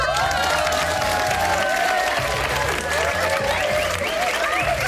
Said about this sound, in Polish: Zatem dla naszej wspaniałej kolarki już teraz uwaga, uwaga, należą się brawa!